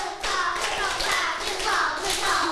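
A class of children clap their hands together softly and steadily, a set of five very soft claps to show they are ready to listen; the many overlapping claps blend into a continuous patter that starts a moment in and carries on throughout, with no talking.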